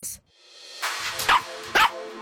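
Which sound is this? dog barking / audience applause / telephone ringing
dog barking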